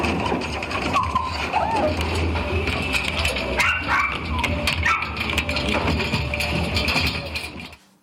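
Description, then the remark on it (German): Puppies kept in boxes, where visitors can touch every puppy, bark and whimper in a busy, crowded space, their yips and whines overlapping steadily for the whole stretch, with indistinct voices mixed into the noisy background. “Doch hier können Besucher jeden Welpen anfassen.”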